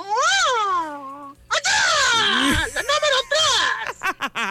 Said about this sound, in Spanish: Este fue el grito ganador, mira, chécate.